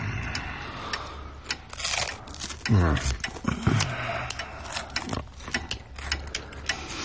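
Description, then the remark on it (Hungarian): Small metallic clicks and ratcheting scrapes from a lighter being repaired, irregular, repeating throughout over a low background hum, with a brief voice-like sound midway. “… egy öngyújtót javítgat.”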